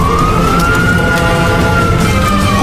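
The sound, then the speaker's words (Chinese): A fire truck siren wails steadily as the fire truck arrives at night to fight a fire by the border line, its tone holding high before sagging slightly, over a loud rumbling engine and dense background noise, with no talking. “消防车鸣笛赶到，消防装备启动灭火。”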